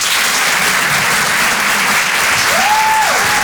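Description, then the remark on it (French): Loud, sustained audience applause at a Rire et Chanson live show, welcoming a performer, fills the whole stretch as a dense, steady wash of clapping, with a brief rising and falling whistle cutting through near the end. “Bonsoir, bonsoir, applaudissements.”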